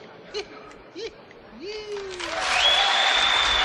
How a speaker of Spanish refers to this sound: Pocos son estos aplausos para estar a la altura de esta interpretación.